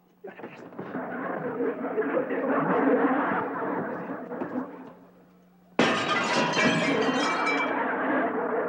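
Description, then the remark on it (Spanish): Window glass of a house being broken to open the window, with a loud, sustained crash of shards, a brief lull, then a sudden second shatter bursting out sharp and bright before the tinkling clatter continues. “¿Por qué estás rompiendo los vidrios de mi casa?”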